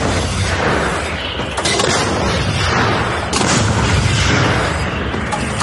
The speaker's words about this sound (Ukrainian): Робота! Постріл! За першим пострілом другий, третій і четвертий. Постріл!